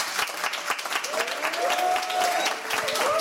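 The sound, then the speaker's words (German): A full studio audience applauds at a live Radio 1 broadcast from Studio 1 in Bikini Berlin: dense, steady clapping fills all three seconds at an even loudness, with a few drawn-out high whoops or cheers rising over it in the second half. “Die Ränge sind voll, man kann es hören.”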